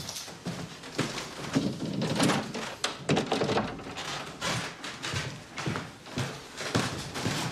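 A very narrow door, where André Gide's archives are kept, is opened and passed through, with a series of wooden thunks, knocks and rustling handling noises spread across several seconds, fairly loud and uneven.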